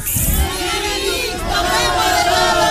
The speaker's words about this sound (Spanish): Ya bailaron también, pero quiero que griten bien fuerte.